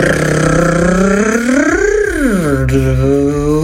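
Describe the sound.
A single voice imitates the sound of their own car's engine in a voice message: a loud, buzzing lip-trill drone that swells upward in pitch like a rev, then drops back to a steady idle-like hum.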